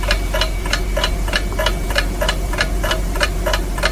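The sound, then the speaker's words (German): A clock ticks steadily, roughly three sharp ticks per second, standing for the ticking Doomsday Clock (Atomkriegsuhr), clear over a low background hum with no voices. “Die Zeit läuft, die Atomkriegsuhr tickt.”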